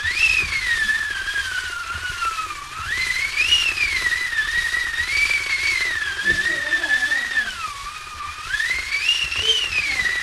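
A wind machine called a 'wiatrownica', built by studio staff to make wind effects for cartoons such as Bolek i Lolek: a continuous, whistling howl over a bed of rushing noise, its pitch swelling and sinking in slow waves for about ten seconds, with no talking.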